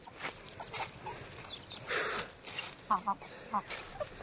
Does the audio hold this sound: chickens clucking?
yes